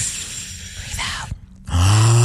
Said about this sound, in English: Take a deep breath in. Why is your deep breath in noisy? Because I was doing it for dramatic effect. Oh, okay. Because we're on the radio, breathe, so they can hear it. Deep breathing in.